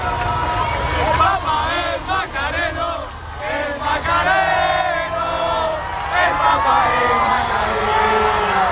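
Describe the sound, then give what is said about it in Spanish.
Young members of a Macarena brotherhood (Hermandad) in Madrid chant and shout together at the Pope, 'el Papa es macareno', in a loud, continuous roar, with rising and falling sung pitches and bursts of cheering throughout. “Por eso los jóvenes de la Hermandad, que han estado esta mañana en Madrid al verlo, le han gritado esto: el Papa es macareno.”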